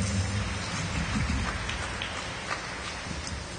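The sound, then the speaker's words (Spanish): An audience claps their hands together in applause for the Gospel, a dense, steady patter of many hands that keeps an even level for a few seconds, with no voices heard. “Palmas al Evangelio.”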